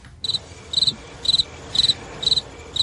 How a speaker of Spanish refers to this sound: Joder, el grillo de Mundaka, qué pulmones, ¿eh? Es que es un grillo vasco, hombre, por favor.